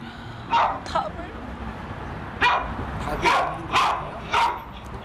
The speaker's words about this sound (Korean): 제가 원래 혼자 데리고 살 때는 탈출 행동만 있고 짖는 건 많이 없었는데 지금은 짖는 게 더 많이 생기고 탈출 행동은 사라지니까 어떤 게 사라지면 또 있던 게 생기고 계속 바뀌어서